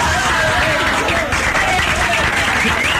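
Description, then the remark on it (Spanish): Sustained applause from a large audience fills the space, dense and steady throughout, with crowd voices mixed into the clapping. “Amigos, gracias por ese cariño, esos aplausos.”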